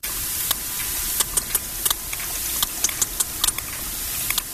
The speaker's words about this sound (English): It's got a bit of a beat to it, hasn't it? Well, that click is the sound of a sperm whale recorded off the coast of Ibiza.